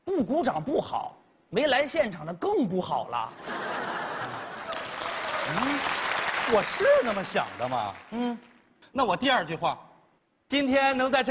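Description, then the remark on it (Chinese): An audience at a Chinese crosstalk (xiangsheng) comedy performance breaks into a sustained burst of clapping mixed with laughter, lasting several seconds between stretches of a man talking on stage. “啊， 这弦外之音就是，您鼓掌就好。”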